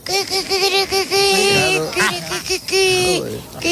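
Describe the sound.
A woman's voice imitates a hen on Basque regional television (ETV), with a run of short, rising and falling clucks and squawks that build into louder, higher cackles, repeated without pause over a few seconds.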